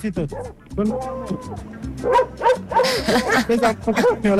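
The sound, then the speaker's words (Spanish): Several dogs being walked by a dog walker bark and yip in quick, overlapping bursts, with people talking and calling out over the commotion. “¡Miren el señor que saca los perros!”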